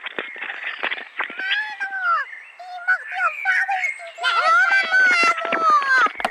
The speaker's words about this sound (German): Wissen Sie eigentlich, dass hier auch im Mansfelder Land die Vögel auch Dialekt pfeifen? Wenn Sie mal richtig hinhören, ich halte mal das Telefon ran, Mama.